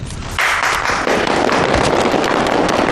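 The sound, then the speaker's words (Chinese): A crowd breaks into dense, crackling applause that swells after a brief moment and keeps going steadily, many hands clapping at once with no voices over it. “鼓掌就不必了吧，也没有几个在认真听。”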